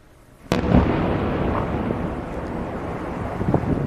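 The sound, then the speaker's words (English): A sudden, powerful explosion in Kyiv, Ukraine, during a large Russian attack with drones and missiles on a Sunday, bursts out of a quiet background, followed by a long, heavy rumbling roar that lingers and slowly churns on, with no voices. “Explosions rocked Kyiv on Sunday after one of the largest Russian attacks of the war so far.”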